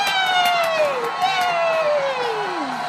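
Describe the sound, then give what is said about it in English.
A group of children at a circus cheers with long, falling 'yaaay' cries, twice in a row, loud, with scattered clapping mixed into the excited crowd noise, applauding a dancing clown. “Oh, look at that clown. He's dancing. Ooh, let's clap. Yay!”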